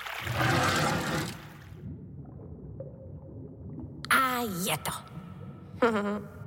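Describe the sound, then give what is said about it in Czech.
A brief surge of rushing water opens, then settles into a low, steady churning flow as water is let out from the bottom through the sluice gate of Pardoubek pond, with a couple of short, high vocal sounds breaking in near the end. “No, budu muset ještě trochu popustit spodem, protože je voda moc nahoře a mohla by provalit hráz.”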